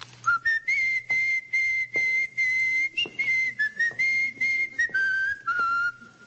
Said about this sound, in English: What's that for? What's that what for? The whistling. Oh, just whistling. You know the tune, of course. Well... Yes, I think it's the Marine hymn, isn't it?